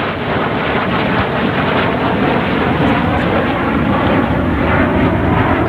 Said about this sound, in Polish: Proszę Państwa, wyglądał przylot pierwszych trzech F-35. Nowoczesne, super nowoczesne samoloty.